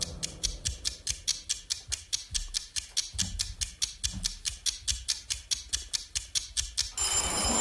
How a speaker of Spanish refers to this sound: Se acabó el tiempo. Qué bonito suena el timbre este vintage que tenemos.